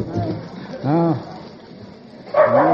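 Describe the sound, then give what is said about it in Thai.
A dog barks twice, a short tonal bark followed a moment later by a rougher one, over a faint background hiss. “หมาเห่าแล้ว”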